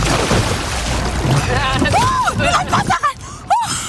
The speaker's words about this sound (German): Ja, da warst du noch vor der sogenannten Kenterrolle. Da hast du dich getraut. Also einmal das Kanu um die eigene Achse drehen, dabei unter Wasser tauchen. Falls du dich fragst, wie das hier geklungen hat, es klang so.